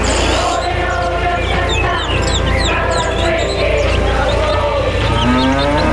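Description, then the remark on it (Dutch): A cow moos in long, low drawn-out calls amid a busy outdoor soundscape, with birds chirping steadily throughout and a dense background layer underneath. “Mooi ook, die koe erachteraan.”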